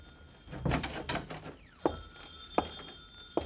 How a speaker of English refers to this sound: Uh-oh, the phone.